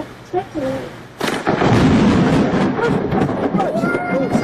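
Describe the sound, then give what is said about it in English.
Over faint voices, a lightning strike in a thunderstorm brings a sudden violent crack of thunder that rumbles on loud and distorted for several seconds, captured through a tinny, lo-fi Ring doorbell camera microphone. “a thunderstorm. Okay? I've got some, this is from like a Ring camera, so the audio is a bit crap”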